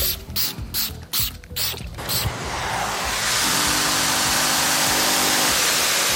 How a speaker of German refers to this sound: Sprühen, rubbeln, Dampfsaugen. Das ist heute das Tagesgeschäft für Jörg Kraftschick vom Silbitzer Reinigungsservice.